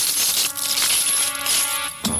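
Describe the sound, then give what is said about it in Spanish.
Bright metallic silver coins clink and jingle together in a few quick bursts, ringing fairly loud with a shimmering, high-pitched tone and no voices. These are the thirty silver coins the chief priests offered Judas Iscariot. “Ellos le ofrecieron 30 monedas de plata.”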